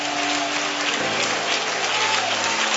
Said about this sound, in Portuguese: Palmas e glória a Deus, igreja.